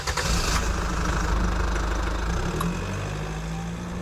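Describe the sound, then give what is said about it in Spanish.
A car engine idles steadily, a continuous low rumble with a faint rhythmic knock running through it, heard on its own without any talking. “Bueno, como tenemos los bombones, ya podemos coger el coche y poner rumbo a casa de nuestros amigos.”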